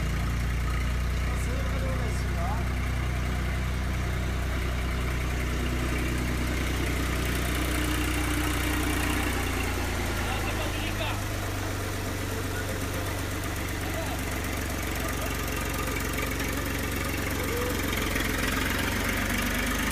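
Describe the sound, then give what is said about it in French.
A tractor engine runs steadily and loudly with a father and his small child riding on it, its low, rumbling drone with a rattling idle continuing unbroken for the whole stretch, with faint voices mixed underneath. “C'est cool hein d'être avec papa sur le tracteur.”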